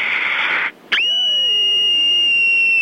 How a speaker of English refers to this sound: here's my scream.